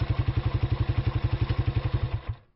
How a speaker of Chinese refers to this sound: 哎，这发动机怎么突然熄火了？